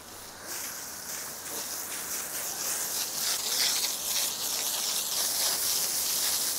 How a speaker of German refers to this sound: Die Elefantendusche ist noch voll im Gange.